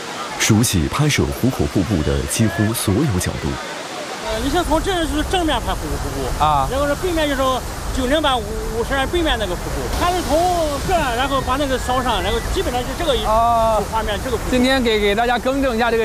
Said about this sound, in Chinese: 壶口瀑布是黄河标志性景点之一，位于山西省吉县与陕西省宜川县之间。